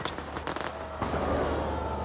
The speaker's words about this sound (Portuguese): Agora sim, fogo de artifício.